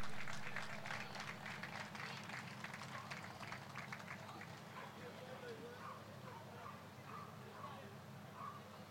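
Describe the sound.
An audience applauds in a dense, steady wash of clapping that holds for several seconds and then thins slightly, with scattered voices and murmurs mixed in underneath.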